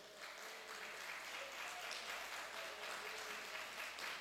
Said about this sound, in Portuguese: Aplauda ele, pode aplaudir.